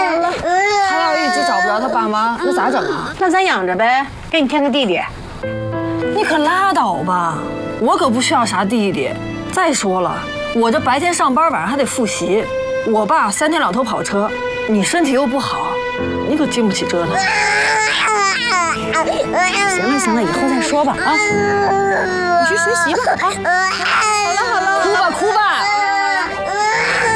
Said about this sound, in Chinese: 那小孩哭不是正常的吗？行了行了，我抱吧，我抱孩子。